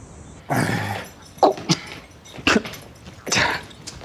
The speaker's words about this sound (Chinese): 就昨晚那一嗓子，那全村的狗都跟着叫。